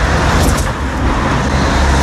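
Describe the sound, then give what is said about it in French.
A car rumbles steadily along a rough road in the Jolimont district of Toulouse, France, heard from inside, with a brief thud as it jolts over a bump where tree roots have pushed up the asphalt into potholes and bulges. No one speaks. “Vous entendez, c'est POC. Tac.”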